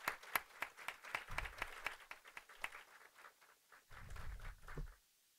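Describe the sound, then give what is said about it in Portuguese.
An audience breaks into applause for the protection network of Rio Grande do Norte, many hands clapping in a dense, crackling rhythm that thins out and fades before stopping abruptly. “E para todas e todos, aqui eu peço uma salva de palmas para a nossa rede de proteção.”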